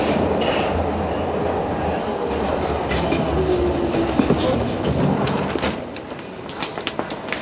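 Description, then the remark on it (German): A Berlin U-Bahn subway train rumbles loudly and steadily, with a low engine drone and scattered metallic clicks and squeaks, easing off toward the end as it slows, arriving at Zoologischer Garten station. “Nächster Halt, Zoologischer Garten. Da müssen wir raus.”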